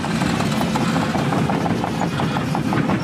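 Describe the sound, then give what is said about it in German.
Excavators rolling on a construction site at the primary school in Kernen im Remstal near Stuttgart: a steady, loud low engine rumble overlaid with rapid, rhythmic metallic clanking from the tracks, continuing without pause and with no voices. “Die Bagger rollen hier an der Grundschule in Kernen im Remstal nahe Stuttgart.”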